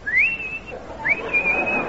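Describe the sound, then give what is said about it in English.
A person whistles an imitation of a tomtit's call: two clear phrases, each sliding up into a long, steady high note, fairly loud with no talking. “And then the sweet sound of the tomtit.”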